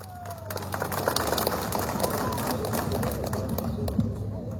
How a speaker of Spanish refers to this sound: ¿Dónde está el aplauso, compañeros?